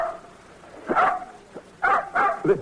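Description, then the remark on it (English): A dog named Blackie barks in short, sharp bursts: one bark, a brief pause, then three more in quick succession. The barks sound clear, with no talking. “Nice dog.”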